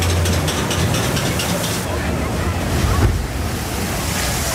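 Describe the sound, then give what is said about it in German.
A boat on a water ride rushes down a chute amid steady, loud splashing and roaring water, with a brief surge of spray near the end and wind buffeting the microphone; the riders in the boat get quite wet. “Oh, ganz schön nass geworden im Boot bei den beiden Abfahrten.”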